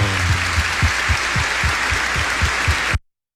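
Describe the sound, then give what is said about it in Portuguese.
Steady, loud audience applause: a dense wash of many hands clapping with a faint underlying rhythmic pulse, cut off abruptly after about three seconds. No one speaks. “Com grande alegria, uma forte salva de palmas por esse momento especial.”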